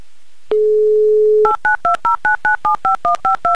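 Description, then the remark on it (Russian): A steady dial tone hums for about a second, then a quick, even run of eleven touch-tone keypad beeps as the phone number of a man from Ryazan is dialed. The beeps are loud and clear, with no voices. “Набран номер телефона Демьяна. Звоним.”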